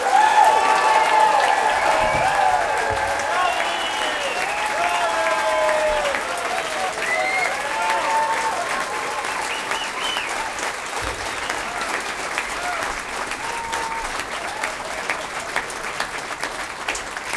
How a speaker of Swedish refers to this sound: den varmaste och största och högljuddaste applåder för den här stråkorkestern!